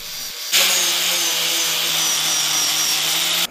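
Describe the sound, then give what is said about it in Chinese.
A power sander grinds steadily against an old piece of golden-thread nanmu wood to reveal its gold grain, starting abruptly after a brief quiet moment and running loud for about three seconds with a constant motor whine and harsh abrasive hiss. “还有打磨啊，这个 是金光闪闪的呢，这种这里也有。”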